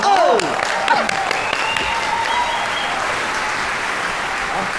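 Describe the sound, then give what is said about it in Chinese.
Warm audience applause welcoming Gao Yuqing to perform the crosstalk piece 'Wu Song Fights the Tiger', a dense, steady wash of clapping that stays loud throughout, with a few voices calling out briefly at the start. “咱这样吧，咱们就以热烈的掌声，有请高玉庆老师表演这段武松打虎。”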